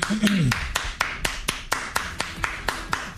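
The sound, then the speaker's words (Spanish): A steady run of about a dozen crisp hand claps at an even, brisk pace, fairly loud, with a brief voice sounding under the first few claps. “Déjale aplauso.”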